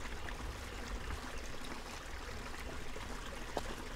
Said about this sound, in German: Also wenn ich hier durchgehe, ich finde also wie jetzt zum Beispiel dieses Rauschen des Wassers und die kleinen Vögelchen, die singen.